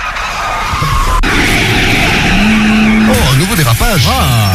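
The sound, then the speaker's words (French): A car skids loudly and continuously over engine roar, the tire squeal rising and falling in pitch in wavering sweeps during the second half. “Dérapage.”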